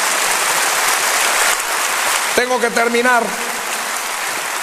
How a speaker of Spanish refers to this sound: Dele un aplauso de gloria a nuestro Señor.